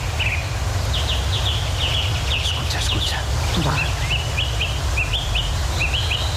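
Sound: dawn chorus of blackbird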